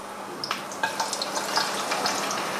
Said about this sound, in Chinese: 姜蒜下锅，炒出香味儿。